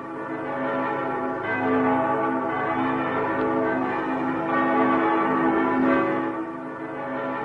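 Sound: church bells ringing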